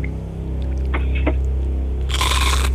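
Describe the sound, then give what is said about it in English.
A steady low droning hum runs throughout while two crisp, crinkly crunches break in, a short one first and then a louder, longer burst of crackle from someone chewing chews during a Can You Crunch It game. “That's a crinkle for sure.”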